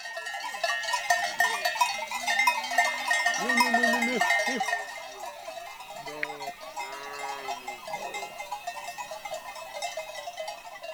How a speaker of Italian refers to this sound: Il tratto più arduo della salita sta per arrivare. Le pecore devono prima oltrepassare un difficoltoso ghiaione.